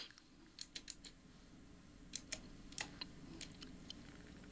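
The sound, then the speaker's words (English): Quiet typing on a computer keyboard, typing in the name Camille Saint-Saëns to search for a piece of music: irregular bursts of sharp key clicks, some in quick clusters, over a low steady background hum, with no voices. “I was typing in Camille Saint-Saëns.”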